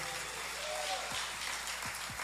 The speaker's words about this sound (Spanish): Yo creí que el aplauso iba a ser más grande. Creí que iban a gritar ese gloria a Dios bien fuerte.